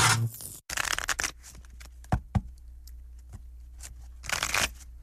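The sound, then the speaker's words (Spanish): A deck of playing cards is shuffled for a game of poker: a quick riffle, a few scattered card flicks and taps, then another brief riffle near the end. “¿Nos echamos una manita de póker?”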